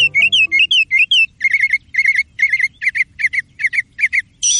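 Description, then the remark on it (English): A northern mockingbird sings loudly, repeating a squeaky, whistled phrase several times in quick succession before switching to a new phrase, with no voices present. “The northern mockingbird is a master of mimicry.”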